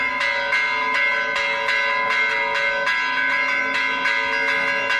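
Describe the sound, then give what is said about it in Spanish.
Church bells peal steadily and loudly, overlapping strikes ringing out in a regular rhythm with long, shimmering tones that sustain throughout, no voices present. “pero claro, para entrar un poquito en calor, ¿tú crees que si te pongo unas campanas sabes dónde suenan?”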